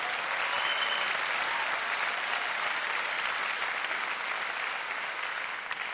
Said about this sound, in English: Yeah, sure, applaud.